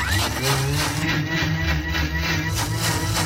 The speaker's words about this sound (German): Das schmeißen wir dann in den Mixer rein. Und auch das nicht so lange, weil sonst gibt's auch wieder dieses schleimige Zeug. Das wollen wir nicht. 20 bis 30 Sekunden.